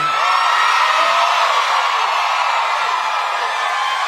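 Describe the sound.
A loud, sustained, shrill scream like a crowd of excited girls, imitated by a voice. It rings continuously for about four seconds, unbroken, with no talk over it.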